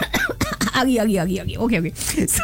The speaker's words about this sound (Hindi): Okay fine, अभी फिलहाल के लिए हम सब जो है खांसी कर लूं।